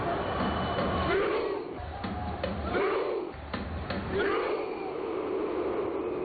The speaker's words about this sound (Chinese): 我现在的位置呢是在达拉斯的 AT&T 球场，就在刚刚结束的比赛当中，挪威队2-1战胜了科特迪瓦队。大家听，现在就是现场版的挪威划船吼。